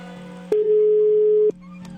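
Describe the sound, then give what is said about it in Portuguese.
A single steady electronic ringback tone sounds for about a second over a low line hum, the way a phone line rings while waiting for someone to pick up. “Se ele atender o telefone, obviamente.”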